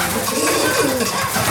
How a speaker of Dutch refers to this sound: Boven ons horen we de duiven meteen weer terugkeren in de til.